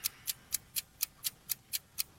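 A quiz game timer clock ticks steadily, about four crisp ticks per second, evenly spaced and sharp, with nothing else but a faint low background hum.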